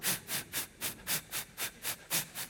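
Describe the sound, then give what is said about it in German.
An audience imitates hissing steam in rhythmic bursts while moving their arms, about ten sharp pulses of breathy hiss in quick succession, like a chugging steam engine, with no speech. “Noch ein bisschen mehr Gas, mehr Dampf. Very well, okay. Now wir haben die zischende Luft.”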